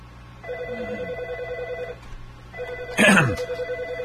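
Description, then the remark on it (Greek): A telephone rings twice in steady trilling bursts, each lasting about a second and a half, with a brief louder clatter near the end, like a handset being picked up. “Τα τηλέφωνα χτυπάνε.”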